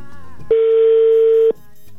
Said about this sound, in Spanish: Ya sonando de nueva cuenta, Karen, el teléfono